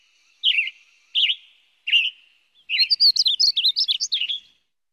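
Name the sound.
bird song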